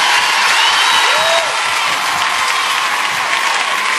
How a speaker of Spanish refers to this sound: Fuerte el aplauso